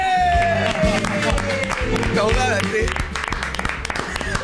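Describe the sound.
A crowd applauds and cheers loudly and steadily to welcome a ballerina, with whoops and shouts mixed into the clapping, while music and voices carry on underneath.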